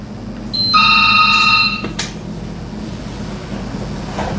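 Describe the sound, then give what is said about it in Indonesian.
A telephone rings once with a bright, steady electronic tone lasting about a second, followed by a soft click as the line opens, over a low background hum, as a caller's phone call is taken on the Golden Memory show. “Oke, saya terima dulu lah yang telepon kita yang sudah hadir.”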